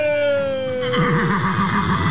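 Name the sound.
horse neighing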